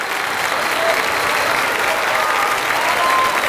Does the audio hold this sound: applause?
yes